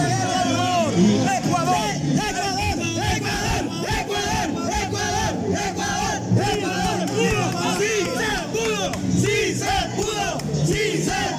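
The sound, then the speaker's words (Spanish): A large crowd of Ecuador fans shouts a rhythmic battle cry chant in unison after a match win, loud and sustained, with many voices rising and falling together over continuous background crowd noise. “Yo quiero un grito de guerra de Ecuador.”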